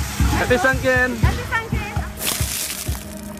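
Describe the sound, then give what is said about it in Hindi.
Water sloshes and splashes in repeated bursts as people pour bucketfuls of water over one another, including one broad, hissing splash partway through, while lively voices chatter underneath. “लोग एक दूसरे पर बाल्टियां भर भर कर पानी डाल रहे हैं।”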